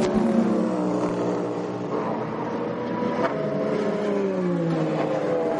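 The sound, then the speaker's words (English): A loud LMP2 racing car engine revs hard, its pitch climbing and dropping as it sweeps past, with a steady mechanical roar filling the background and no voices. “Love these cars. They're just fantastic to watch.”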